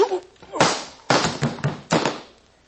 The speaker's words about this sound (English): Try anything fancy, and the next slap will be with this pistol.